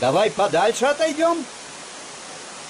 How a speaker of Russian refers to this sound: Это шумит водопад Кивач.